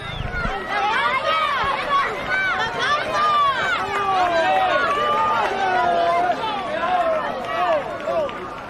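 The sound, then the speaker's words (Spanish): A large racecourse crowd cheers and shouts excitedly, many voices overlapping in a dense, continuous, loud roar, applauding the winning horse, number 4 Mangaken, escorted by the Guardia Civil. “Y ahí están viendo en sus pantallas al número 4, a Mangaken, escoltado por la Guardia Civil y recibiendo los aplausos del público que enfurecido y emocionado escuchando.”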